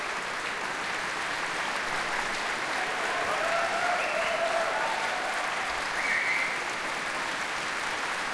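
Sustained applause from a large audience in the Berwaldhallen concert hall after a live P2 broadcast concert, as the whole orchestra, radio choir and soloists stand and receive it. A dense, even wash of clapping that holds steady throughout with slight swells, and no voices over it.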